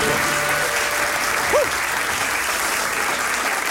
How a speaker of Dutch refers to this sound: En ik laat het applaus even lekker lang doorklinken.